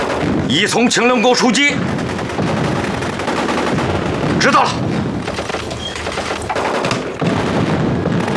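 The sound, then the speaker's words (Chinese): Heavy gunfire from the direction of Lingjiu Peak fills the scene: sharp shots and a rapid burst at the start, then sustained crackling volleys and thuds of battle continuing throughout, loud and dense, with faint voices mixed in. “你们听，这枪声有点不太对劲儿。”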